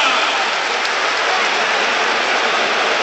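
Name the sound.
arena crowd applauding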